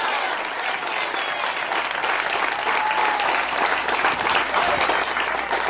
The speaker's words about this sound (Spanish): Pero fuerte ese aplauso si es para Él.